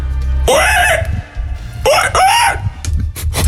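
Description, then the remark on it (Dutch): A person imitates a wild boar with two loud, strained squealing bursts, each rising and falling in pitch, followed by scattered short noises. “Nee, ik ga luisteren, want mijn nutteloze talent is, ik kan een wild zwijn nadoen.”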